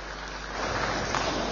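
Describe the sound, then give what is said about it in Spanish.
A crowd applauding those who join from the cities, a dense, steady patter of many hands clapping that swells a little louder partway through and holds there. No one speaks over it. “Saludamos, un fuerte aplauso para esos pocos que se suman de las ciudades.”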